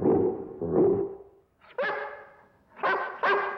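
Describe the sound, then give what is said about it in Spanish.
A Great Dane barks four times in a park: two deep, gruff woofs, a short pause, then two longer, higher, ringing barks. No one speaks. “El gran danés ladra.”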